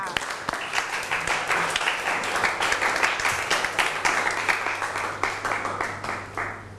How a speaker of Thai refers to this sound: และสำหรับวันนี้ค่ะคุณครูก็ต้องขอขอบคุณความคิดเห็นของนักเรียนทุกๆคนนะคะขอเสียงปรบมือให้ตัวเองดังๆอีกสักหนึ่งครั้งค่ะ